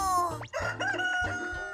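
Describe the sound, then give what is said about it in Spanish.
A rooster lets out a loud, drawn-out cock-a-doodle-doo, its harsh, buzzy call rising and bending in pitch through several syllables before trailing off at the end. “¡Es un gallo!”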